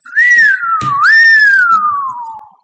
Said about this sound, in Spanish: Lo mejor fue el efecto sirena.